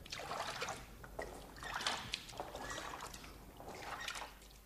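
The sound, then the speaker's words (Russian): A rowboat pushing off a little way from the shore, with steady, rhythmic oar splashes and swishes about once a second, moderately loud, with a low background rumble and no voices. “Они уселись в лодку, отплыли немного от берега и по очереди стали нырять.”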